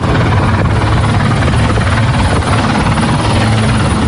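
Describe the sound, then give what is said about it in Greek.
A helicopter roars overhead during a sea rescue operation after a ship accident, its loud, steady rotor chop and engine drone filling the whole stretch without fading, continuous with no voices. “Η ακτοφυλακή, ελικόπτερα και ιδιωτικά σκάφη προσεγγίζουν το σημείο προκειμένου να συνδράμουν την επιχείρηση διάσωσης.”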